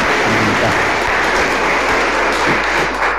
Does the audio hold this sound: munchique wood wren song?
no